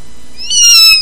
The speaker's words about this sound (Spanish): Un gato.